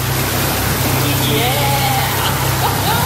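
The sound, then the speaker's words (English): Jacuzzi jets, just turned on in a magnesium spa pool, churn the water in a loud, steady bubbling rush over a low, constant motor hum, unbroken throughout, with a faint voice rising briefly under the noise. “Oh, I'm going to turn the jacuzzi on.”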